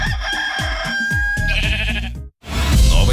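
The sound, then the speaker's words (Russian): A ram bleats in loud, wavering cries while a rooster crows over it, with rapid pulsing beneath; a brief silence cuts in, then a noisy burst of animal sound follows. “Животные отлично перенесли путешествие, правда, петух немного пострадал. На него наступил баран.”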